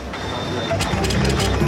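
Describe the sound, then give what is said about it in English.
An office printer running: a steady high whine over a mechanical hum, then a series of quick rhythmic whirring bursts as the pages feed through, fairly loud throughout. “They even do faxing, printing, and scanning.”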